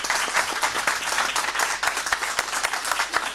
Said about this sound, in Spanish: A ellos les damos un fuerte aplauso.